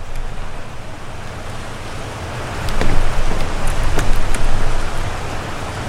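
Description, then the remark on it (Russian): Steady, dense rushing water fills the whole clip, swelling louder for a few seconds in the middle with scattered splashy crackles, then easing back. No voices are heard. “Мне уже страшно от этого звука воды.”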